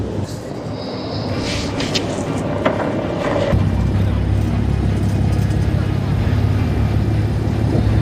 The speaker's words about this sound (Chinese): 执法艇在浪涌间剧烈颠簸